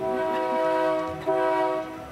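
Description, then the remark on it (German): A train horn sounds two long, loud, steady blasts at a level crossing on the line from Mahachai, 30 kilometres from Bangkok, the second following a brief break after the first, with no talking. “Wir müssen vorsichtig sein, hupen oft und achten auf unsere Geschwindigkeit.”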